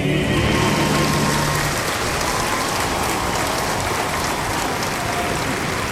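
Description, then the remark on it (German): A London theatre audience applauds loudly after the comedy The Alchemist and a royalist hymn to King George, a dense, steady crackle of many hands clapping at once, while a few held musical notes fade out beneath it in the first seconds. “Die Zeitung The Daily Advertiser schreibt begeistert, der allgemeine Applaus zeigte deutlich, wie groß die Abneigung gegenüber den Plänen unserer neidgetriebenen Feinde ist.”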